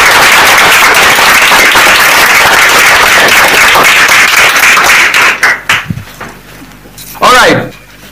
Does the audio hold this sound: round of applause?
yes